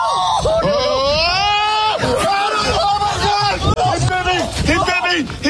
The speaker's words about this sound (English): Now, the guy you hear screaming like a little girl was bitten on the leg. He was wearing short pants. Mm-hmm. And he got bitten on the leg by the raccoon. He had to go to the hospital for treatment.